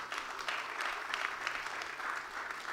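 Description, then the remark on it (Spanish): A crowd applauds Jesus Christ, dense clapping spread across the upper range, sustained at an even, fairly loud level for the whole stretch with no voices standing out. “Denle el aplauso a Jesucristo.”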